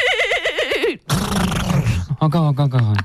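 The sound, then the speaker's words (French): A person imitates a horse whinny, loud and quavering, followed by a rough breathy snort and a second choppy, wavering neigh, all within a few seconds. “tu dirais que je suis plutôt double poney ou pur sang ?”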